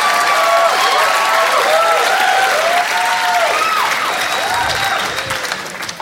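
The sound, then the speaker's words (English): A large crowd at a comedy show in a theater claps steadily and loudly as the comedian takes a drink, a dense wash of applause with some scattered cheers mixed in, tapering slightly at the very end. “You don't have to clap every time I take a drink.”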